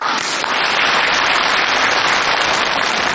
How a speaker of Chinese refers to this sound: 我们有京剧界的人今天来了，木鱼老师到现场了，大伙儿给鼓掌。